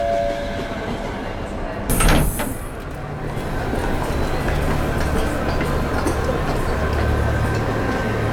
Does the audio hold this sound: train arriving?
yes